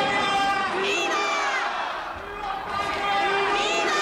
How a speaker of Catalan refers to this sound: Clar, respon als crits de viva, viva, a un viva Espanya, eh? No era gaire difícil.